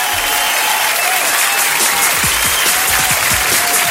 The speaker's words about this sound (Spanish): Así que nosotros, en honor a estos dos personajes y a estos dos grandes artistas, un aplauso al cielo y abrazos al cielo.